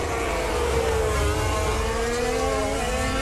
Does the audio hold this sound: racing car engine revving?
yes